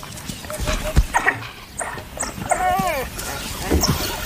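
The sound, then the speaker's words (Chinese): An African wild dog on patrol, having found a leopard that has just caught prey, calls other wild dogs for help with high, squeaky twittering calls: a few short yelps, then a wavering, chirping run of cries over a rustling outdoor background. “一只非洲野犬在巡逻途中发现了一只刚刚捕获猎物的花豹， 他正在召唤其他非洲野犬来帮忙。”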